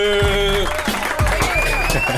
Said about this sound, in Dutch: het Epic Vibes applaus is er altijd voor iedereen die luistert